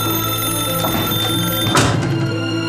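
An old-style telephone rings steadily and loudly with a call for the chairman, a continuous metallic bell with no pauses, and a brief dull knock partway through. No one speaks.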